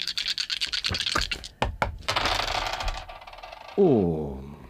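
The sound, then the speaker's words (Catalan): Four dice rattle and tumble across a hard surface with a burst of sharp clicks and clatters, then settle; a voice starts speaking right after. “T'atreveixes amb quatre? Sí. Quatre daus? Quatre.”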